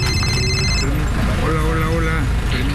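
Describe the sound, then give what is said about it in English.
A rescue worker's mobile phone rings with bright, steady electronic tones for about a second, then cuts off as voices talk over constant outdoor street and traffic noise, on the side of a road in La Guaira during a search operation. “His phone keeps ringing.”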